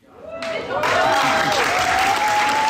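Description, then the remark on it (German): Loud, dense applause from a large crowd for a youth theatre production of Romeo and Juliet, titled 'Romeo und Julia am Arsch der Welt', at the Kulturverein Plattenlase in the Wendland, swelling quickly and holding steady, with cheering voices and a sustained whistle-like tone over the clapping. “Tosender Applaus für das Jugendtheater im Kulturverein Plattenlase im Wendland.”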